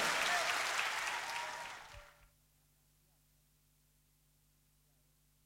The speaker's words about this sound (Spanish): Fuerte el aplauso para los bailarines. Gracias, gente.